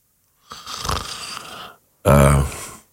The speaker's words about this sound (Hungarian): Ez a levegővétel már ilyen horkolásszerű volt.